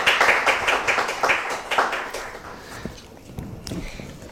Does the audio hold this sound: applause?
yes